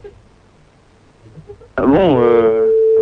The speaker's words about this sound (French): Donc là on essaie de vous joindre sur votre portable, pour l'instant ça sonne sur votre portable, vous n'avez plus qu'à décrocher et c'est gagné, c'est bingo.